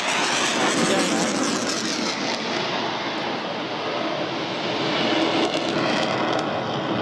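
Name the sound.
military jet flying overhead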